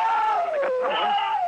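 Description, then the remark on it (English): A sci-fi sonic beam weapon of attacking Martians hums as a loud, buzzy electronic whine rich in overtones. It dips in pitch and climbs back up, holding steady for about a second and a half. “Listen. The sonic beam. The Martians are attacking.”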